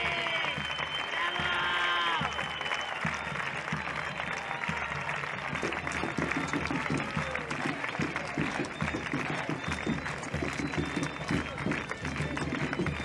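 An audience claps steadily and loudly for the whole stretch, a dense continuous patter, with a few shouts and cheering voices rising over it near the start.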